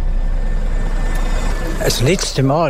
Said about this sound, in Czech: První obnovený autobusový spoj je do Bernau a Tischnerreuthu se právě teď rozjíždí.